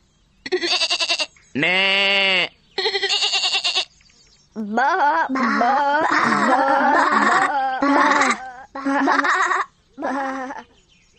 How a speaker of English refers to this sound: Baa like a sheep in a pen.